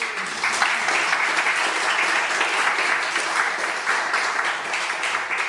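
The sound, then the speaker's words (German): A crowd applauds photo artist Viktoria Binstock and communication scientist Jakob Ohme, guests at the start of a show, a dense, even wash of many hands clapping at a constant loud level for several seconds, with no voices standing out. “Einen großen Applaus bitte für Fotokünstlerin Viktoria Binstock und Kommunikationswissenschaftler Jakob Ohme.”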